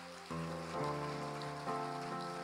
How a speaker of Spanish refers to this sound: Damos un aplauso.